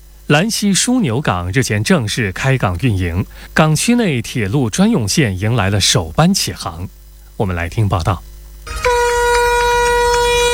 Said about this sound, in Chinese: 上午8点15分，随着汽笛鸣响，首班满载290台领跑星能源汽车的专列从兰溪枢纽港出发，驶向广州国际港。